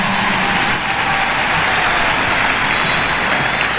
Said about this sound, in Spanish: ¡Fuerte el aplauso, señores!